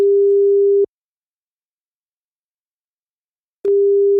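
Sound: telephone ringing tone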